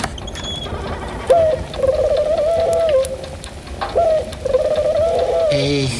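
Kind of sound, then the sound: bird, pigeon cooing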